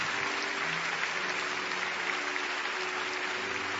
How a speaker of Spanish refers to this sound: Y le damos aplausos a Dios. Amén.